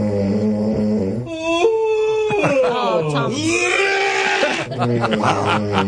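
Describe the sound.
Loud, droning snores layered with a long, groaning yawn that glides up and back down in pitch. The voiced, howl-like sounds overlap and run continuously for several seconds.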